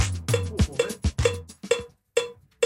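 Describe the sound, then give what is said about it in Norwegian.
A studio click track, the rhythm signal for musicians, ticks steadily in Nidaros Studio, roughly twice a second, each hit a bright cowbell-like tone, with thuddy low percussive sounds between the early beats and no talking. “Vi befinner oss I Nidaros Studio, og I bakgrunnen hører du det fagfolket kaller klikk. Klikk rytmesignalet til musikere,”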